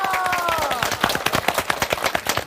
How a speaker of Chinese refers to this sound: 我们掌声鼓励一下好吗？